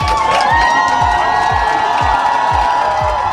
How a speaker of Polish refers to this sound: Królewskie powitanie z gotowaniem mistrzem Europy. Polscy kibice były głośne okrzyki 100 lat i gromkie dziękujemy.